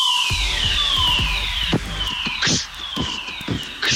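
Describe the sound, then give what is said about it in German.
A test fire alarm at the MDR Sputnik radio station sounds loudly, sweeping downward in pitch in repeated whoops about every second and a half, with scattered thumps and clatter underneath. “Gestern gab es einen Probefeueralarm.”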